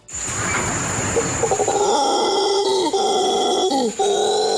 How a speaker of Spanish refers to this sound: El despertar diariamente con el sonido de los monos aulladores es la mejor motivación para el ambientalista José David Gamero para seguir cuidando y recorriendo el emblemático Cerro de Colosina en el municipio de San Carlos